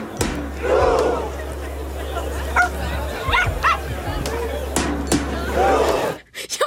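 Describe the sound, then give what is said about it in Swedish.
A small dog yaps repeatedly amid a loud, roaring crowd of thousands on Karl Johan in Oslo during a world-record attempt at simultaneous rowing, its sharp barks cutting through the steady cheering and shouting of many people. “Att man mest har en gläfsande hund.”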